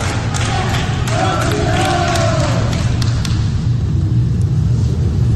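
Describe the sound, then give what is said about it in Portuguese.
Hospital staff at Hospital Samaritano Barra in Rio de Janeiro clap and chant "Campeão!" together as coach Parreira leaves the hospital after discharge, scattered handclaps and raised voices rising over a dense, steady rumble of crowd noise that carries throughout. “Na saída, Parreira foi aplaudido pelos funcionários do hospital.”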